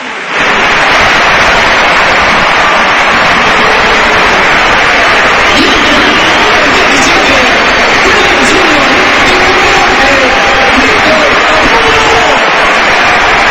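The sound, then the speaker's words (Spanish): A stadium crowd at the Pizjuán gives a loud, sustained ovation for Lamine as he is substituted off in a Spain match, a dense steady roar of applause and cheering that holds at full strength for the whole stretch, with faint whistles rising through it. “Bueno, pues el aplauso evidentemente para Lamine.”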